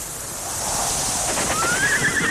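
A horse on grassland whinnies loudly, its rising, wavering call cutting through a steady open-air wind-like ambience, with no voices present.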